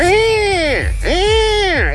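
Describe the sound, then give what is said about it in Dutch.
A person's voice imitates a threatening buzzard call: two loud, drawn-out screeching cries, each rising and then falling, with a brief gap between them. “En als je je afvraagt hoe een dreigende buizerd klinkt, zo.”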